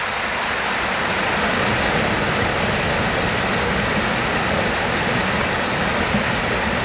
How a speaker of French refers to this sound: Et puis, le chant du ruisseau. Voilà. Faut qu'on l'écoute, le chant du ruisseau.